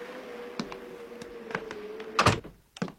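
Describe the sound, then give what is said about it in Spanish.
A door is pushed shut with a loud thud after a few light knocks and clicks, over a steady low hum, followed by one softer knock. Outside there is a terrible wind and it is very cold. “Pero, ¿por qué no entra? Así puedo cerrar la puerta.”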